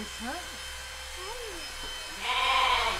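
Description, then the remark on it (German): A lamb, Bernadette, bleats in short, wavering, mid-pitched cries, two or three of them, before a loud electric buzzing, like clippers, starts up near the end. “Kommt die von dem Schaf, was als erstes geschoren wurde?”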